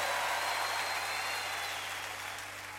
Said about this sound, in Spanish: Fuerte aplauso, por favor.